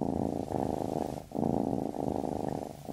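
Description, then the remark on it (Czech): A sleeping tabby cat purrs steadily in a low, rumbling drone that swells and dips in rhythmic breaths, about five cycles over three seconds, with no voices present. “Nové tepelné čerpadlo Vitokal 200 AIE je tak tiché, že neprobudí ani mourka.”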